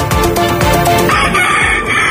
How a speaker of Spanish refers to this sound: Y esto que escuchan son gallos de verdad, intervenidos en un criadero ilegal de Alhorín el Grande. Un total de 26 gallos de pelea han sido incautados. La Guardia Civil destaca las lamentables condiciones en las que se encontraban estas aves.